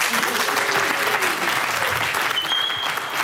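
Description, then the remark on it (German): A crowd of students, the audience at the Alemannenschule during the SWR 1 Leute school tour, claps steadily, a dense wash of overlapping applause at a fairly loud, even level, with a few faint voices and a brief high whistle-like tone toward the end. “Letzte Station unserer kleinen Schultour und mit unserem Publikum hier an der Alemannenschule. Macht euch doch mal kurz bemerkbar.”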